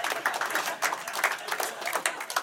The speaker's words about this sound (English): Applause break on the diarrhea joke. Classy Cedar Rapids.